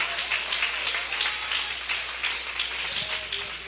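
An audience claps hands loudly and continuously in praise of God, a dense, steady wash of applause with many overlapping claps and no clear beat, with no voices standing out.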